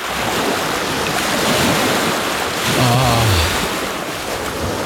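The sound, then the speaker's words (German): Ocean waves wash steadily onto a shore in a continuous, loud roar of surf, with a gusty wind rushing over it and a brief low tonal sweep near the middle. “Ja, das Meer.”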